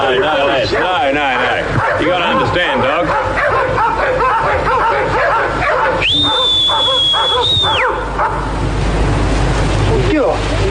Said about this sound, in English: What you do is you wait till you reckon they're about to stop barking and you whistle just before it happens.